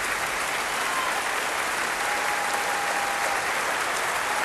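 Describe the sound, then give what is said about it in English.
Sustained, dense applause from a large concert audience as a soloist returns to the stage with conductor Lahav Shani and the Munich Philharmonic Orchestra, a steady wash of many hands clapping at an even, fairly loud level with no pauses and no voices standing out. “Weaving her way through the orchestra and being pushed forward to take the applause on her own by Lahav.”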